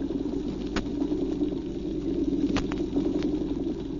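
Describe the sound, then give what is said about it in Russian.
A dense underwater chorus of drumfish drones on as a steady low throbbing, while small Alpheus snapping shrimp add a few sharp, scattered clicks on top. No voices. “А в ответ им целый хор голосов. Рыбы-барабанщики поют свое, а рачки Олафеуса, рыбья пожива, мелкие рачки свое.”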